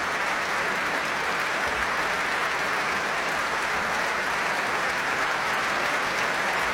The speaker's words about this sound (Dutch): En opnieuw groot applaus voor Jefim Bronfman. Hij speelde als toegift de arabeske in C, opus 18 van Robert Schumann.